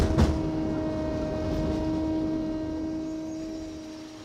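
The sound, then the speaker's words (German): A steady mechanical whir with sustained tonal hums from hydraulic pumps and machinery running continuously, loud, with a brief knock near the start and no voices. “Und dieses ständig surrende Geräusch und einfach Pumpengeräusche von der Hydraulik kannst du auch nicht vermeiden.”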